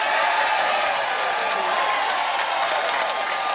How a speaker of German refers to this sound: Nochmal jubeln vielleicht.